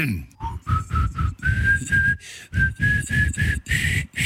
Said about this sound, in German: pfeift mir einen Schlager und ich muss ihn erkennen.